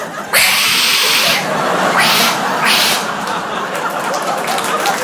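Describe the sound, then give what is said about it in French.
A person mimics an aggressive cat, letting out loud, breathy hisses and snarling bursts for several seconds, with no actual words spoken. “Les chats de là-bas, ça n'a rien à voir. Ils sont balafrés, ils ont des griffes de raptor, on dirait des hyènes schizophrènes.”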